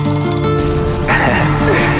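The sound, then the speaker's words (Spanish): An alarm clock rings with a bright, metallic jangle for about two seconds over a steady tonal backdrop, the ringing growing busier and louder partway through. “Suena el despertador, porque comenzamos la mañana en tu .7.”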